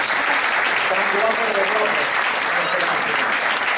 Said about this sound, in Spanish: Bueno, pues un aplauso para los seis.